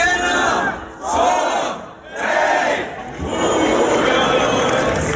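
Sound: festival crowd cheering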